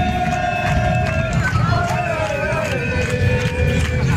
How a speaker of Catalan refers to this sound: comencem amb els problemes, amb les afectacions que està tenint per la mobilitat, la mobilització dels professors, nova vaga de professors avui, ho sabeu, i això s'està notant en el trànsit. Això és el que ens arriba de la Ronda de Dalt, per exemple.